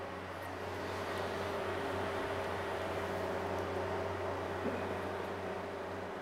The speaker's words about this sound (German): Weil wir mit Nebel arbeiten, muss es hier drinnen für die nächste Aufnahme wieder klar sein. Deshalb läuft der Ventilator. Er saugt die dunstige Luft aus dem Raum.